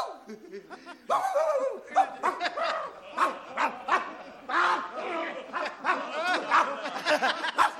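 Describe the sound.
A person imitates a dog, letting out a rapid string of loud, yapping barks, mixed with chuckling and bits of laughter throughout.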